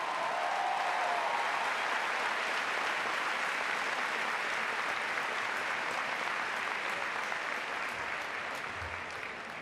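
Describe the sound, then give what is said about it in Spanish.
Sustained applause from a large audience for the human tower group La Colla Castellera de Vilafranca de Penedès after raising a 3 de 8 castell, a dense steady wash of clapping that holds at full strength for the whole stretch, with no voices standing out above it. “Ha sido un 3 de 8 levantado por el grupo La Colla Castellera de Vilafranca de Penedès. Un aplauso para ellos.”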